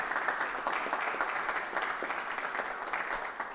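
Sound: applause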